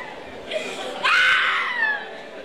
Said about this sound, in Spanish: Otra mujer gritando el diablo por ahí, oyente. Escucha, escucha, oyente.